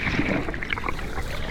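gentle sea waves

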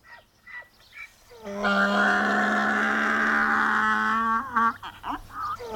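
donkey braying

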